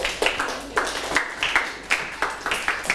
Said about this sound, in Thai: เก่งมากๆเลยปรบมือเพื่อนหน่อยครับ